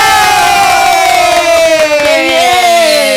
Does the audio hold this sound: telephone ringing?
no